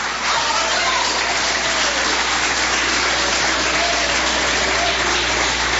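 Sustained applause from a church audience clapping to glorify God, a dense, steady wash of clapping that stays loud and even throughout, with faint voices mixed in underneath.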